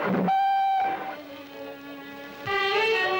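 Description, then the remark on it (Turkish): A train whistle sounds as a train gets ready to leave: a loud, steady blast, a softer lower tone, then another strong blast, with no one talking. “Trenim kalkıyor.”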